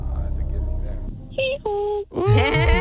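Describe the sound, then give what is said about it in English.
A person imitates a donkey's bray: two sustained, pitched 'hee-haw' notes followed by a loud, raspy, wavering bray, preceded by a low mumbling rumble. “What sound does a donkey make?”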